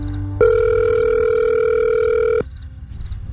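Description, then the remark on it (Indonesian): A phone call's ringing tone while calling one's mother at night: one steady electronic beep held for about two seconds, fairly loud and clear, then cutting off abruptly over a faint low background hum. “Biasanya malam-malam gini aku lagi ngobrol sama ibu. Telepon ibu ah.”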